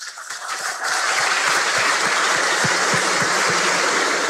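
A church audience in Marcelino Ramos bursts into applause for the word of God just heard, dense clapping that swells within the first second and holds steady and loud, a broad wash of many hands.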